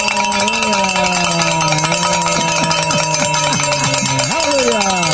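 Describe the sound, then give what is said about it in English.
A hand bell rung loudly and rapidly without pause, a bright, dense metallic clanging that fills the whole clip, with a voice faintly audible underneath. “And you might want to grab that bell over there because we're going to start ringing it real loud because we have made the goal, Father.”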